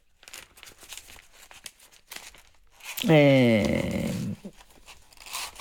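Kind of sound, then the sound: household object, newspaper pages being turned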